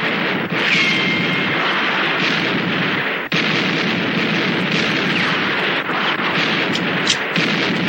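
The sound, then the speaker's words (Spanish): Dense, sustained gunfire from several weapons as Lino and Pedro shoot while hiding behind a car and Lauro's men fire lying on the ground. Shots overlap into a loud, continuous crackling barrage with sharp bursts standing out now and then, and no pause for the full length. “Lino y Pedro disparan escondidos tras el carro.”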